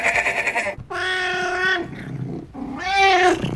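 A cat meows loudly, two long drawn-out cries separated by a short pause, after a brief strained sound at the start, with no talking.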